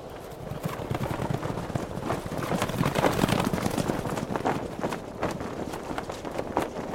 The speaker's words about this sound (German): Mehrere Elfen auf Pferden. Irgendetwas geht da vor sich. Sieht aus, als ob sie ihr Lager abbrechen.